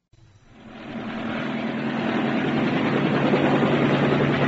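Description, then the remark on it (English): The Conservative party helicopter's engine spins up and settles into a steady, loud roar with a dense whine and low rotor churn, swelling over the first second and holding continuous, no voices. “I'm being given a ride on the Conservative helicopter.”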